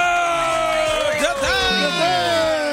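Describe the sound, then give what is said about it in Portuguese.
A loud, lively audience cheers and whoops continuously, with many voices shouting over one another and a few rising yells standing out, sustained for the whole few seconds, applauding comedian Dedé Santana of the Trapalhões. “Muitos aplausos para o eterno trapalhão, Dedé Santana!”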